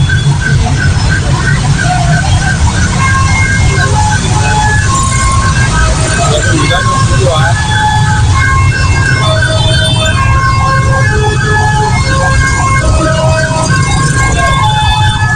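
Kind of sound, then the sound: vehicle, ambulance siren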